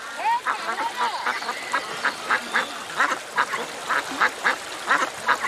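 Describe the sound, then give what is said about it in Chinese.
A flock of ducks quacks repeatedly in quick, overlapping bursts, steady in loudness, with a faint background hiss and no voices talking. “小小年纪就放鸭子补贴家用，由此与鸭子结下了一生的情缘。”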